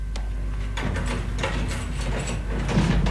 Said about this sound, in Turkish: Levent'im, aç şu kapıyı. Başüstüne reis ağam.